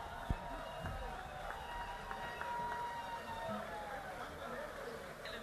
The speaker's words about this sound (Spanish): Bueno, quiero pedir aplauso para un gran amigo también, que bueno, viene todos los años.